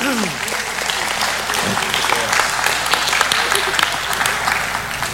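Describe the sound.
An audience applauds steadily, a dense, loud patter of many hands clapping for the full stretch, with faint voices and a few short vocal sounds mixed in underneath.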